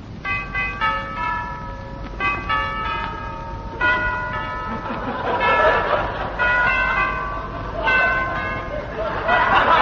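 A chiming doorbell at Curlew Mansions rings out a series of melodic bell tones, repeating several times over, clear, with a busier murmur of background noise building in the later part.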